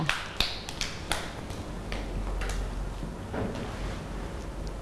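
Scattered, uneven claps from a group of children, a handful of sharp slaps spread across a few seconds against a quiet room background, with no one speaking.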